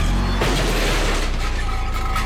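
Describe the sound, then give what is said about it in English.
A car backing into a garbage can: a single hollow thump and scrape with a low rumble beneath, followed by a steady mechanical hum and rattle. No one speaks. “The sound of a car backing into a garbage can.”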